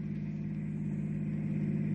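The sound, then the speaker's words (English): A hot rod's engine drones with a deep, throaty rumble as it approaches during a reenactment of an accident, holding steady and growing slightly louder as the car draws closer. No voices, just the continuous motor sound. “Well, they're coming in close now.”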